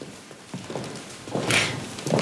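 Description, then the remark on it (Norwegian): The old wooden floor of the palace creaks under slow footsteps during a silent procession: a handful of soft, uneven thuds, with one sharper, squeaky creak in the middle, at moderate loudness with no talking. “det var så stille da prosesjonen, for de som ikke så det da det skjedde, dette her er jo bildet i opptak, men det var så stille at det var bare det gamle tregolvet på slottet som ga lyd etter seg, så den knirkingen, det var det eneste vi kunne høre.”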